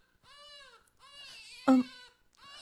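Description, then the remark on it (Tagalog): A baby cries in drawn-out, wavering wails, fairly loud, with a sharp louder squeal in the middle before the crying picks up again. “Baby, ayun na kilak. Hindi na mo hilak. Baby.”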